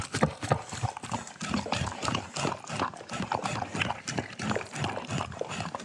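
A dog eats messily from a food bowl: a steady stream of irregular crunching, slurping and clattering against the bowl, with no talking.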